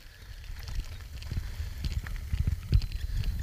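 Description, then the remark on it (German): Irregular muffled thuds of a horse's hooves as it runs in circles around a paddock in blazing sun, over a steady outdoor rumble with no one speaking. “Ach, linker Hand, hier ist eine Pferdekoppel und da läuft auch ein Pferd gerade im Kreis herum.”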